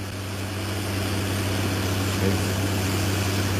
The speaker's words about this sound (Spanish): Están haciendo, picando silo para maíz ahí, ¿eh? Si no me equivoco. Sí.